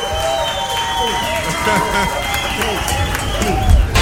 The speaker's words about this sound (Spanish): Los sonidos se detienen y el último aplauso inunda el ambiente. Esto fue Arena Ritoque. Una hora de música en vivo por Ritoque FM.